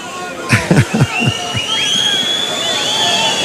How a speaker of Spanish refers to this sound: Y estos silbidos yo creo que no obedecen a lo que creo que obedecen, José Francisco. Sí, sí, obedecen, pero no. Pues aquí obedecen, hay alguien que está pidiendo el indulto. Sí, una petición de indulto absolutamente desproporcionada